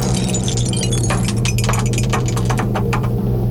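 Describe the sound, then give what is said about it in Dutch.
A die rattles inside a cup kept in the cellar at Radio NL, a quick run of sharp, irregular clicks and clatters over a steady low hum, with no one talking; the roll comes up a five. “Want daar staat de beker met een dobbelsteen erin.”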